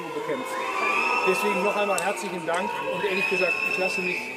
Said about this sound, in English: He made an appearance in the small western town of Guy to thank emergency workers for their efforts in battling a large wildfire last week. And here, quite clearly, you can hear the crowd booing him.